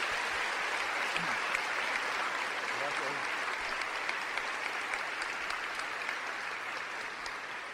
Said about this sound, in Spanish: Le damos un fuerte aplauso a nuestro Señor Jesucristo.